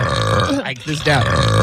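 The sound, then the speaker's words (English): A loud, drawn-out, raspy burp, rumbling for over a second with a brief dip in the middle before it swells again. “I feel like I have to belch.”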